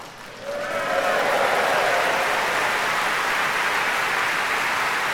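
Applause from a large concert audience at the Proms, with an orchestra, swells up after a brief moment and holds as a dense, steady roar of clapping, loud, with no voices standing out.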